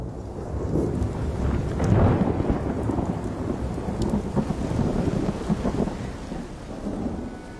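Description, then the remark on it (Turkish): Heavy rain pours down in a steady, dense hiss while deep thunder rumbles and rolls underneath, loud throughout, with gusts of wind buffeting the microphone and no one speaking. “Şu anda sağanak yağmurun altındayım.”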